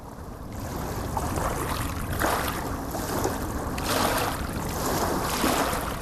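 Long waves wash steadily over a shore, each swell surging and then dragging back with a gritty hiss of sand and small pebbles, fairly loud, with no voices.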